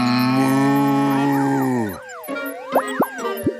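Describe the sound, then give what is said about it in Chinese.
A long, loud, low cow moo holds steady for about two seconds, then gives way to quick springy boings and plops with sliding pitches, like cartoon sound effects; the cow is being hypnotized as part of an experiment to make it produce sweeter milk. “你对那牛做什么呢？”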